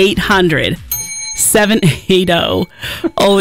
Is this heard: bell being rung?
yes